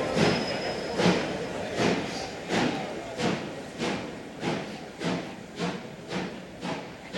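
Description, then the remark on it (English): A train travelling through the night rolls steadily along the track, its wheels thumping over rail joints in an even, repeating clatter, with a thin metallic whine at the start and no voices. “We travelled all night by train and walked some 4 miles to the Billet, a Belgian wheat store.”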